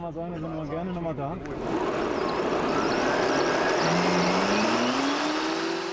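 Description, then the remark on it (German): A motor whine rises steadily in pitch as an electric fatbike in Gronau accelerates without pedaling, up to 38 km/h, over a loud rush of wind and road noise. A voice is briefly heard at the very start. “Auch ohne Trittimpulse beschleunigt es auf bis zu 38 km/h.”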